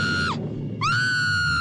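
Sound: woman screaming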